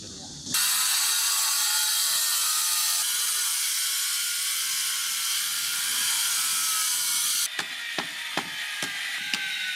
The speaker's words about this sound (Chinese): 经过2个小时的切割、敲打与反复打磨，这块子母石终于接近了可作画的理想形状。